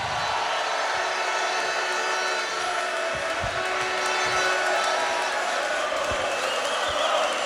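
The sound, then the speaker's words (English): A large crowd roars and applauds continuously as Notts County midfielder Ollie Norburn is welcomed, a dense, steady wash of cheering and clapping that stays loud and full for the whole stretch, with no single voice standing out. “Please give a warm welcome to Ollie Norburn.”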